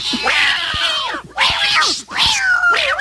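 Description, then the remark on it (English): Several house cats screech and yowl in three loud, drawn-out bursts with wavering pitch, agitated, separated by brief pauses, as they react to Lady the dog walking into the house. “And when those cats saw Lady, they started to scream and yell and run all over the place.”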